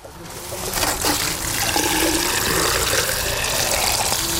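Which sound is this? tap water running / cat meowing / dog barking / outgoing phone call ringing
tap water running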